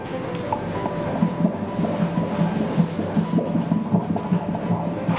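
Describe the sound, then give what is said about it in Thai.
A fast, steady whooshing pulse of a fetal heartbeat picked up by an ultrasound Doppler during a doctor's prenatal scan, beating about twice as fast as an adult's at a normal rate, rhythmic beats repeating quickly over a continuous low hiss, with no talking. “อันนี้เป็นเสียงหัวใจเด็กนะคุณแม่หัวใจเด็กจะเต้นเร็วกว่าผู้ใหญ่2เท่าเพราะฉะนั้นจังหวะที่ได้ยินนี่คืออัตราปกติ”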